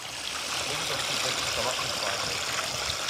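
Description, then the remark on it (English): A shallow stream with small trout in it flows steadily on Fetler, its constant bright rushing and trickling filling the whole moment without pause, fairly loud. “Can you see them under the water? I saw the fish.”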